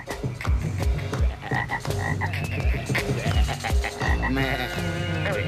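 A dense chorus of frogs croaking steadily and loudly, many overlapping calls repeating in quick rhythmic bursts with no voices present.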